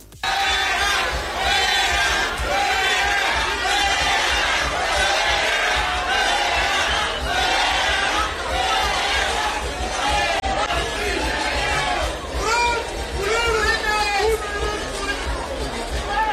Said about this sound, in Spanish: Luego, el sábado, durante la entrega de viviendas, el senador de Morena y exgobernador priista Alejandro Murat asistió al evento de la presidenta y fue recibido con abucheos.